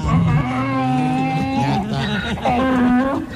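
A donkey brays loudly in two long, strained, harmonic calls, the first lasting well over a second and the second shorter after a brief pause.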